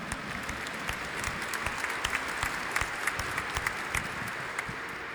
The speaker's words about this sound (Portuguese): acolhendo todos nós com uma salva de palmas.